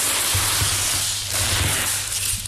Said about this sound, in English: They're unwrapping a Monet. Yeah. I'm going to lift it to where it's going on the wall. I'm going to get the sounds of the unwrapping, actually. It's quite a nice paper tape sound.